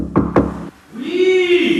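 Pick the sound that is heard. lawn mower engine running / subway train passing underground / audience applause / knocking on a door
knocking on a door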